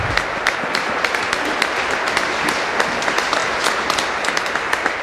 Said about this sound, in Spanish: Un aplauso a la Virgencita, que siempre está con nosotros.